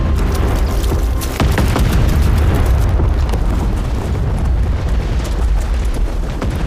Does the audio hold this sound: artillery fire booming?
yes